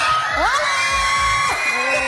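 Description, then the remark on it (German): A whole school class of children screams and shrieks excitedly at once as the class is surprised by the SRF Kids show, a loud, dense, high-pitched roar of voices with rising and falling yells, sustained throughout. “Ja, was da so ein Geschrei ausgelöst hat, was da abgelaufen ist, das hörst du diese Stunde bei SRF Kids.”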